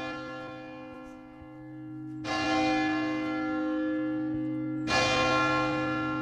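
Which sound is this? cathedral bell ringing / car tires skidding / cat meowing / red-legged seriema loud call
cathedral bell ringing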